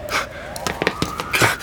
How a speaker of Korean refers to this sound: 하루에도 몇 번씩 사이렌 소리가 났지만 10년을 살아도 적응이 되지 않았다.